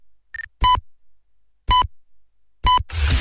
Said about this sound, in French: Bip